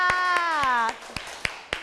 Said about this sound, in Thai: ขอเสียงปรบมือให้กับกลุ่มที่4ค่ะ